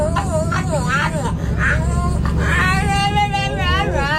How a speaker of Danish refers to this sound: Hør! En hund som prater på bussen.